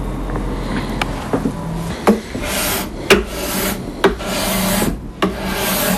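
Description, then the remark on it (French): A cabinet scraper rasps across a wooden guitar fretboard, smoothing it and leveling small undulations and wear marks, in a steady series of dry strokes, each broad scraping pass punctuated by small knocks, with no voices. “de lisser la touche au racloir”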